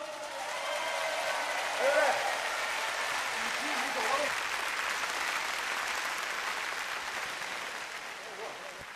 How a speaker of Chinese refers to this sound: 出席开幕式的还有自治区人民政府秘书长、自治区有关部门和各盟市负责同志等，让我们用热烈的掌声欢迎各位嘉宾的到来。